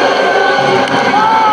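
A dense, steady roar from a large stadium crowd at a football match fills the whole moment, loud and unbroken, with a few higher voices and a sustained tone rising out of the wash of noise.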